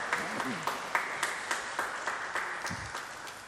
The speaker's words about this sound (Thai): ให้เราเสียงปรบมือแทนคำขอบคุณคุณพ่อนะครับ